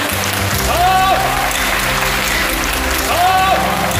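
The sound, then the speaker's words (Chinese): A theatre audience applauds steadily for the full stretch, a dense, even wash of clapping with faint voices and a couple of brief tonal notes rising through it, at a Peking opera performance of The Legend of the White Snake (Bai She Zhuan). “这次演《白蛇传》真的可以说是下江南了，所以非常感谢大家鼓掌。”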